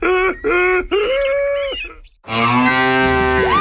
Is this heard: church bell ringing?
no